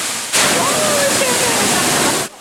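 A natural waterfall stream formed over many years inside a cave in Korea, heard as a steady, full-bodied rush of falling water that starts abruptly, holds an even loudness for about two seconds, then cuts off, with faint murmurs beneath it.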